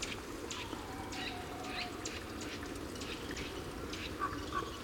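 A common raven croaks repeatedly while flying in the sky, a series of short, harsh calls spaced about half a second apart over a steady outdoor background hiss.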